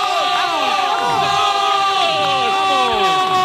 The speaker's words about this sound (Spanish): Fuerte aplauso.